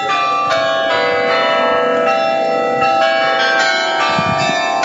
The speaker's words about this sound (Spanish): Cada hora suenan las 44 campanas del carrillón del antiguo ayuntamiento, un edificio que actualmente acoge el Museo de Historia de la ciudad